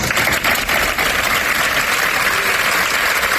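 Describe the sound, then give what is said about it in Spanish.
Workers of the Centro Social San Juan de Dios in Málaga, Spain, applaud in farewell, a dense steady clatter of many hands clapping at once, loud and unbroken throughout with no voices standing out. “Era el aplauso con el que le han despedido sus trabajadores del Centro Social San Juan de Dios de la capital malagueña.”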